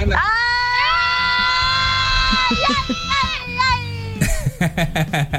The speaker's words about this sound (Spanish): Y aquí vamos a sumar a otro ganador que todavía no nos manda su nombre, pero nos mandó este audio gritón.